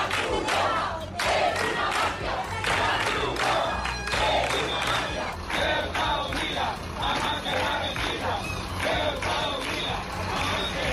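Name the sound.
protesters shouting and chanting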